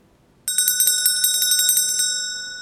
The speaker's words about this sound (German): Und eure Aufgabe ist es, genau aufzupassen, wenn diese Glocke kommt. Hört mal.